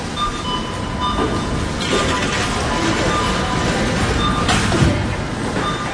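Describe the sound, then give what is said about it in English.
A train carrying air conditioners from China to Germany rolls steadily along the rails, a continuous rumble and clatter with thin metallic whines drifting above it, staying loud and even for the whole stretch. “Air conditioners from China to Germany by train.”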